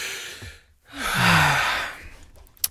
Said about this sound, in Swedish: Jag ska dra efter andan så jag kan presentera det här utan flas.